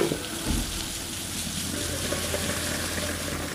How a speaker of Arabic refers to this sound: بنحط قطعة الستيك بدون أي صوص، وعلى نار هادية بنغطيها 3 دقائق.